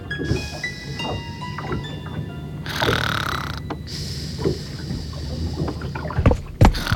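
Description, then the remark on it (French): A wooden boat creaks and groans as it rolls at sea, with water sloshing and swelling against the hull over a steady low rumble, continuous, with no voices. “Elle somnole en se laissant bercer par le roulis du bateau.”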